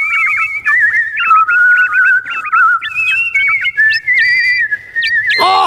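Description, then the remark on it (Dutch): A mechanical nightingale made of gold, sapphires, rubies and diamonds sings a bright, whistle-like song of quick repeated trills and chirps. It is steady and loud for several seconds with no talking, ending in a brief noisy burst. “Nu kunnen ze samen zingen.”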